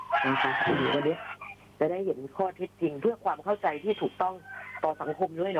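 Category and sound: bird, rooster crowing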